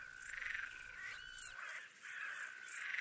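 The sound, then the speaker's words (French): A great green bush-cricket stridulates in a steady, shrill, continuous buzz with faint pulsing bursts, heard alone against a quiet background at the end of the night near the observatory at the Malsaucy site, Territoire de Belfort, on 9 July 2003. “Une grande sauterelle verte.”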